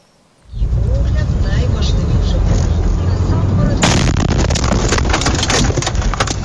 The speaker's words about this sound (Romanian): Imagini șocante în Ucraina. O cameră de bord dintr-o mașină a surprins momentul în care o dronă kamikaze lovește chiar în mijlocul unei localități.